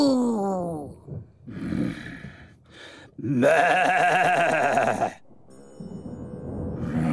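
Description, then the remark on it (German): A person imitates a cow mooing to breathe out anger, with a series of drawn-out, groaning vocal calls, loud, the longest one sustained for about two seconds before fading into quieter lowing. “Wir atmen die Wut jetzt einfach weg, wie eine Kuh. Mu.”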